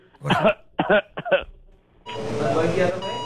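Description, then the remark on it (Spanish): A man's voice coughs three times in quick, harsh bursts, then lets out a longer rasping, throaty cough-like sound, fairly loud, imitating an old man with a bad cough coughing for a female doctor who asked him to cough. “Y le dice la doctora, a ver, tosa.”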